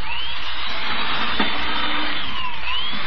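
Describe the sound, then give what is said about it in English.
A power drill, a converted multi-purpose tool with a drill bit in its chuck, drills holes through a board meant as an end table top, with a loud, steady motor whine and grinding roar, its pitch swaying slightly up and down for about three seconds, with no voices. “Look at it drill holes through this board.”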